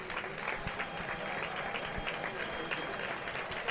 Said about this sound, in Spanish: Pues gran ovación al picado, verá ahora cuando se retire. La ovación al picador.